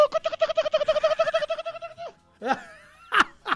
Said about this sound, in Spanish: está llamando la gallina con el tarro ahí.